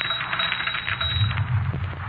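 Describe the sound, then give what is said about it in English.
A typewriter clatters away in a steady run of quick mechanical keystrokes, a dense tapping rattle that carries on for a couple of seconds with no voices over it. “Look, I said I didn't write it, and the typewriter just said, no, I did.”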